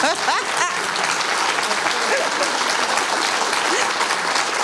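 A steady, loud burst of applause for a guest who is a former handball world champion, many hands clapping densely without pause, with a few brief whistle-like tones near the start.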